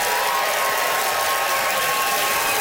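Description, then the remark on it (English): An audience claps loudly and steadily, a dense wash of many hands sustained for a few seconds with no voices over it, voting by applause for a contestant on stage. “By applause, who thinks that a win for Chad would be right on the money and richly deserved, Chad Anderson.”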